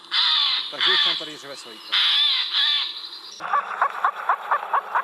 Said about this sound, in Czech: Pustíme si sojku?